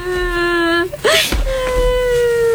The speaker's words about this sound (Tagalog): Bakit ka umiiyak? Teka, bakit ang dumis-dumis mo at ang gulo-gulo rin ang buhok mo?